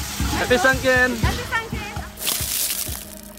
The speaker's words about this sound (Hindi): यहाँ भर भर कर पानी डाल रहे हैं।